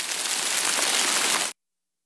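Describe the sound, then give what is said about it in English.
A steady, dense hiss of rain falling on the west side of Buffalo, New York, fairly loud, holding even for about a second and a half before cutting off abruptly into silence. No voices. “Listen to sounds of Western New York and Southern Ontario, like local waterfalls or rain falling on the west side of Buffalo.”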